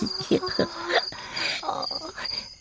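A cricket called Grillchen-Sübelchen chirps in steady, high-pitched pulses that repeat throughout, with a voice murmuring underneath at moderate volume.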